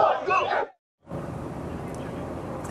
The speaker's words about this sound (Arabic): إذن هنا المنتخب الإسباني وجماهيره يعبرون عن فرحة غارمة بعد فوز مستحق على المنتخب الفرنسي. احتفالات وأهازيج واستعداد للمباراة النهائية في نيويورك.